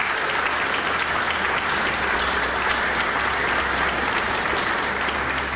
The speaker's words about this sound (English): Always good to hear applause for a New Zealand pianist, Stephen DePletch, and the piece Dreaming by Amy Beach.